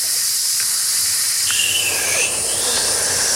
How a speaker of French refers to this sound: On va faire la respiration du serpent. Avec la bouche, on va faire passer moins d'air. On va le faire ensemble.